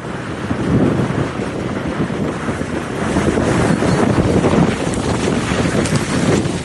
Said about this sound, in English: In Montana, it wasn't so much about the severe winds per se, but about instances like this, some of the synoptic winds that we had. A colossal dirtnado in northern Montana yesterday. Luckily, it swept across an open farm field near Big Sandy,